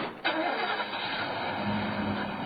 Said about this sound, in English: The panel truck fishtails down Quadra Street, and I'm suddenly alone.